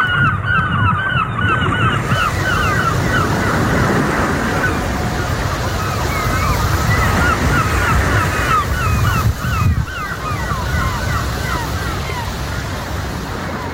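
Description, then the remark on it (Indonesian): Steady, rushing ocean waves wash against the shore throughout, loud, while geese honk repeatedly over the surf in scattered, overlapping calls, on a morning in a remote border region far from the city. “Di sebuah wilayah perbatasan yang jauh dari hiruk-pikuk kota, pagi selalu datang bersama suara ombak dan langkah anak-anak menuju sekolah.”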